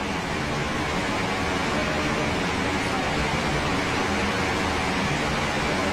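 A steady, even hiss of rain falling, picked up by a radio studio microphone hanging from the ceiling, dense and unbroken across the whole stretch, with no voices and no change in loudness.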